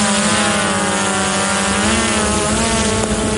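A small reconnaissance drone's motors buzz loudly and steadily as a soldier of the Alcatraz battalion launches it into the air from a reconnaissance drone pilots' position. It makes a constant high, harmonic whine with a low hum beneath and no speech.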